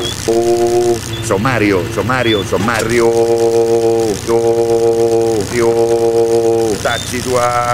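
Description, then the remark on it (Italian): A Volvo's diesel engine, its diesel tank nearly empty, runs at a steady idle, a constant low rumbling drone with a humming tone, while a man speaks loudly over it in bursts. “e continua a ciucciare broda da quella Volvo prima che si spenga tutto, cazzo.”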